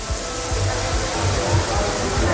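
Floodwater from heavy rainfall pours into Jesús station of the Valencia metro, Spain, recorded by passengers inside, with a loud, steady roar of rushing water, unbroken for the whole stretch, with low rumbling thuds beneath the hiss.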